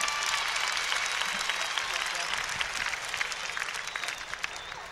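Sustained audience applause, a dense wash of many hands clapping steadily for the full five seconds, with scattered sharper claps standing out and a faint crowd murmur underneath.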